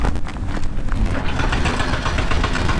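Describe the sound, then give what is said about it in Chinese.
Heavy construction machinery runs steadily at the Weixin–Yiliang expressway construction site in mountainous terrain, a loud, continuous low engine rumble with a rough, gritty texture and faint irregular clatter throughout, no voices. “在微信到宜良高速公路建设现场，大型机械正在施工。”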